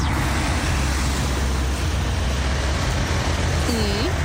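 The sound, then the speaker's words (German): Steady, loud road traffic rumbles past at a roundabout traffic island in St. Ingbert, Saarland, Germany, a continuous wash of cars and heavier vehicles, with a brief squealing brake-like tone near the end. “So klingt das in St. Ingbert in Saarland an der Verkehrsinsel mit einem wunderschönen Namen, Gourmetkreisel.”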